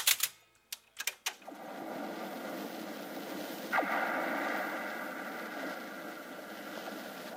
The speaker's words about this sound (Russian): Это звенят от ветра провода антенн.